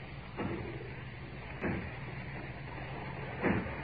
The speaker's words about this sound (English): I hear it. It's from the factory. Aye. As if they were breaking down the door. Aye. Yes, that's what they're doing.